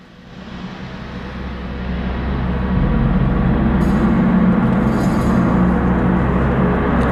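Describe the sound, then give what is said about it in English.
Gong orchestra music played in the background on WORT 89.9 FM radio: a dense, sustained metallic drone with deep resonant low tones and shimmering upper overtones. It swells louder over the first few seconds and then holds steady, with no voices. “This is like a gong orchestra.”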